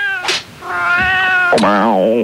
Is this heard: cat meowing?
yes